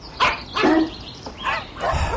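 A dog barks several times in quick, uneven bursts, moderately loud, with short pauses between the sharp yaps and no voices.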